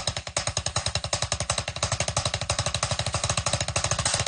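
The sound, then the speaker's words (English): A paradiddle rudiment played on drums: a fast, steady stream of sharp, loud strokes, roughly ten per second, mixing single and double hits in an even, driving rhythm with no voices. “It's a foundational drumming technique that combines single and double strokes, and it sounds a little bit like this.”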